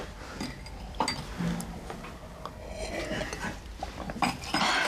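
Several glasses clink together in scattered bright taps as a family drinks a toast, a few sharp knocks spread across a few seconds, over a busy murmur.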